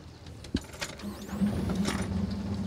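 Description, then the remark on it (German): The 40 hp three-cylinder engine of the Santiano, a 26-year-old, 9.5-metre boat, starts on the Dortmund-Ems Canal: a few mechanical clicks and a sharp knock, a brief rising whine, then a low, steady motor rumble settles in and keeps running to the end. “Die ersten Boote starten zur großen Fahrt über den Dortmund-Ems-Kanal.”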